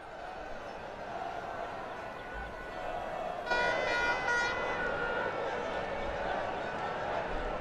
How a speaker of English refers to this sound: Lots of honking, lots of cheering. I can see on my screen a good gaggle of people with plenty of Spanish flags and wearing lots of red, getting ready for the parade a little bit later on.